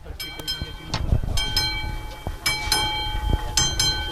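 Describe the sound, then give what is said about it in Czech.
A steam train at the railway museum in Lužná u Rakovníka during a steam weekend, with repeated hissing bursts of steam over a low mechanical rumble and a sustained high whistle-like tone, moderately loud. “V železničním muzeu v Lužné u Rakovníka je v plném proudu víkend pod parou.”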